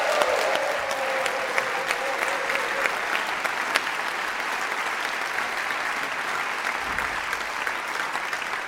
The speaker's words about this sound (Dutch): Een heel groot applaus!